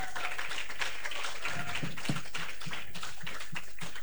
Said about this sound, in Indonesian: Boleh sekali lagi tepuk tangan untuk pemateri kita pada hari ini.